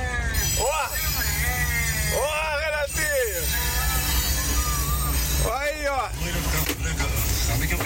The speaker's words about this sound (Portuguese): Terceiro caminhão aqui